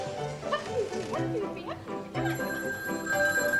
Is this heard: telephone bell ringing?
yes